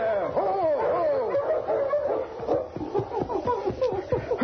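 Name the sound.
dog whining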